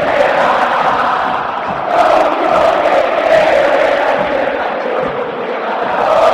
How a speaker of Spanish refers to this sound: Grita la cancha de River. En las malas también se grita en el Estadio Monumental.